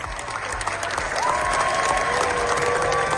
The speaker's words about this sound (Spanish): La Bola Negra de los Javis ha recibido la segunda ovación más larga de la historia del festival. Y así durante casi 20 minutos,